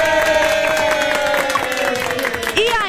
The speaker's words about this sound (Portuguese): Salva de palmas, produção!